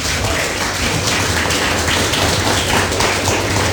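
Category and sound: crowd, audience applause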